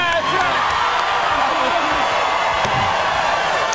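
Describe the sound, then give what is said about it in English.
The Late Show's Monday studio audience cheers and whoops in a steady, loud roar as Jimmy Kimmel, Seth Meyers, John Oliver and Jimmy Fallon are welcomed back, with scattered shouts rising above the dense crowd noise. “You know what this is? This is a Monday crowd.”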